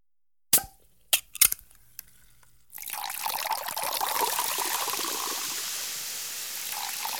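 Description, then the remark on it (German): A bottle of Sekt (sparkling wine) is opened and poured: a sharp cork pop and a few quick clinks, then a steady stream of liquid pouring with a bright, hissing fizz that continues to the end. Clear, with no voices. “Hier, ich habe eine Flasche Sekt mitgebracht.”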